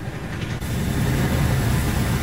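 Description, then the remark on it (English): A loud, steady helicopter roar with heavy low rotor rumble, swelling into a fuller wash of noise after the first half second as Royal Marines rope down from the hovering helicopter to board an oil tanker, the Smirnov, in the English Channel; no voices are heard. “The sound there of Royal Marines descending from ropes from a hovering helicopter.”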